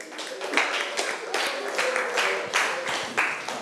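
Students clap steadily for a few seconds for student representatives about to present for learning center 5 in a class, a dense, even patter of many hands at a moderate, unchanging level with no voices over it.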